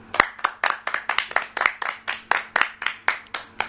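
A group of children clapping together for a girl's story, in a quick, steady rhythm, about fourteen sharp claps over a few seconds, fairly loud, with no talking over it.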